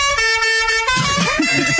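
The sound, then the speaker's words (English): A single sustained car horn toot, loud, holding steady for about a second before people start talking over its fading end. “That's probably a fraction too long on the toot.”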